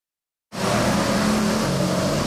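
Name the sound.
street traffic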